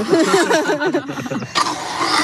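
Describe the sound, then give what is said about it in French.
A motorized dental burr, driven through a drive cable by a small belt-mounted motor and battery, whirs, its hum wavering in pitch before it shifts into a harsher, steady grinding rasp partway through. “J'ai un petit moteur à la ceinture. Et donc, il y a un câble d'entraînement jusqu'à la fraise.”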